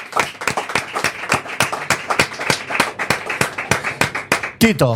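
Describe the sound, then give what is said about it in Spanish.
A few people clap together in an uneven burst of applause for about five seconds, with a brief voice cutting in right at the end. “Desde aquí le vamos a mandar un cariñoso aplauso”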